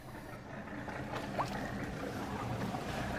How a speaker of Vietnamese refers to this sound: Lái chiếc xà lan tải trọng 500 tấn di chuyển qua kênh Chợ Gạo, xã Chợ Gạo, tỉnh Đồng Tháp.